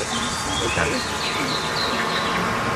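A honeybee stuck in honey buzzes close to the microphone, a steady, dense drone that holds for a few seconds at an even loudness, with a faint rising whine now and then.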